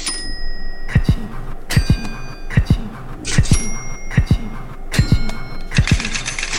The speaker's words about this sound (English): So they packed it in and they sold 30 million Game Boys with Tetris packed in. Ka-ching.